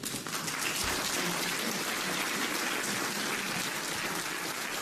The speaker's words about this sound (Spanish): Pónganse de pie, denle un aplauso al Señor.